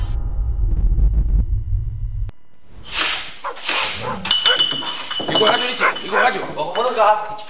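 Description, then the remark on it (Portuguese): A dog barks loudly several times in close succession after a low rumbling start, with glassy clinks and people talking mixed in. “Sai pra fora, cachorro.”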